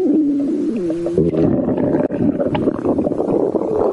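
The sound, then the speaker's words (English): A loud, deep stomach rumble from an orca: groaning, pitch-sliding gurgles give way to a steady churning growl that fills about four seconds, with no voices. “this stomach rumbling, it's making me a bit nervous.”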